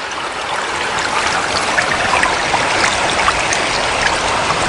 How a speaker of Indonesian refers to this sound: Wah, air sungai ini deras sekali.